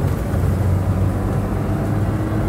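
A car drives along with a steady, low engine drone and road rumble, loud throughout, with no voices or breaks in the sound.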